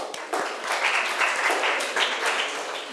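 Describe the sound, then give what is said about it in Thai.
A group of students applauds a classmate for a correct answer, a dense, steady patter of many overlapping claps that holds at an even loudness for about three seconds before easing slightly at the end. “ถูกต้องค่ะปรบมือให้เพื่อนหน่อย”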